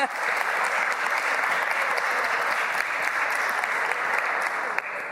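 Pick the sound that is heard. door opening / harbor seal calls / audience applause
audience applause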